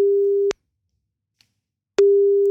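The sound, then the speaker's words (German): A telephone ringback tone rings while a call is placed: a steady, clear electronic beep sounds, falls silent for about a second and a half, then starts again. No one speaks. “Sobald er rangeht, laufen deine 30 Sekunden.”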